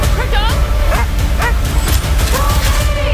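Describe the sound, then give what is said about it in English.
A dog barks in short, sharp bursts and lets out high, wavering whimpers and yelps between them, all over a dense, busy background rumble. The dog is Krypto, Supergirl's super-powered dog, in the film Supergirl. “And if you're a dog lover, you'll find Supergirl's super-powered dog, Krypto, absolutely cute.”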